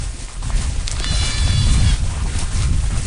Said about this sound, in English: Back on the hill with the goats, the gentleness overwhelms me. There's more babies over there, you see?